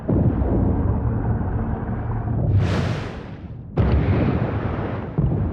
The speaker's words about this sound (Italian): È una nave da ricerca sismica. Sta cercando nelle profondità la presenza di idrocarburi. Usano le esplosioni per determinare cosa ci sia sotto il fondo del mare.